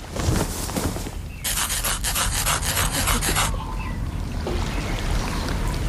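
A quick, steady run of rasping scratches as someone rolls up a trouser leg to scratch an itchy prosthetic leg, lasting about two seconds amid soft background rustling and low rumble.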